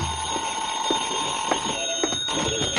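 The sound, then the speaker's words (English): A telephone rings in a room with a bright, continuous metallic jangle that holds steady for a few seconds, faint clicks recurring underneath. No one speaks. “I went back to my room and the phone was ringing.”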